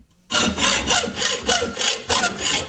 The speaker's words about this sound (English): It's a saw.